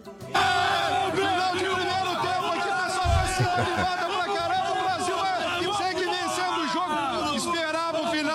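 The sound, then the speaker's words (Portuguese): A dense crowd of Brazilian football fans celebrating in Coritiba, with many overlapping shouting and cheering voices forming a loud, continuous roar, and a few deep low thumps partway through. “8 horas e 2 minutos, festa da torcida brasileira em Coritiba.”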